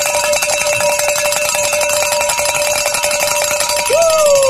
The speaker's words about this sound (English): I'd love to ring the bells in our first hour back together again. It's our reunion tour. And get your bell out, because here we go.